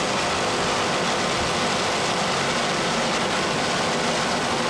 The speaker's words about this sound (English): Listen to those Carolina racing engines.